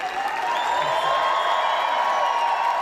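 A roaring crowd of Adidas employees at a non-public sponsor staff event in Herzogenaurach cheers and applauds continuously as Alexander Zverev, wearing a black-red-gold German national football team jacket, steps onto the stage. It is a dense, loud wash of clapping and shouting voices with high whoops that holds steady for the whole stretch.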